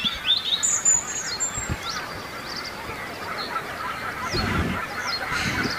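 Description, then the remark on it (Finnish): A goose calls with its goslings moving low along the water surface against a forest edge on a calm morning, giving repeated short, high-pitched peeps and chirps over a steady rushing background, with occasional lower honks mixed in. “No, kyllä siellä on hanhi poikineen varmasti äänen perusteella.”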